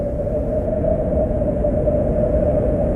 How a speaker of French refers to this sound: Le vent commence à souffler de plus en plus fort, et il semblerait qu'une tempête se prépare.